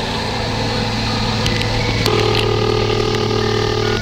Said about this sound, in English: real close, you'll hear the phone ring at the Institute for Rational Law Therapy.